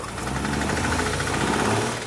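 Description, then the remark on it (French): A car being started in the CarSOS workshop runs loudly and steadily, its low rumble carrying a quick rhythmic chugging pulse with a rough, rattly edge. The car is missing its doors, trunk, wheels, headlights and half the interior. No one speaks over it. “Ah oui, j'ai passé toute la nuit ici et nous sommes prêts à essayer de la démarrer.”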